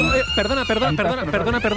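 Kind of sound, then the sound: signal or alarm, school alarm siren sounding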